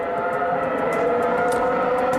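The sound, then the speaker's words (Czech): A high-revving Formula 1 racing engine holds a loud, steady, shrill scream with dense layered harmonics and no pauses or gear changes. No one speaks over it. “No tohle jsou ty V12, které tam byly, ale nespomenu si...”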